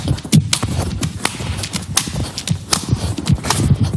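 Walnuts cracking under someone sitting on them: a rapid, irregular run of sharp, dry snaps and crunches with low thuds, steady and fairly loud for several seconds, with no talking.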